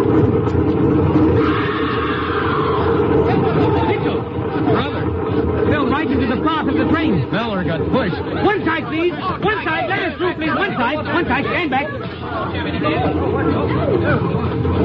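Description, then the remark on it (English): Dense chatter of a crowd on a railway platform, many overlapping voices blending into a steady, loud hubbub over a faint low rumble. “That crowd over on the platform.”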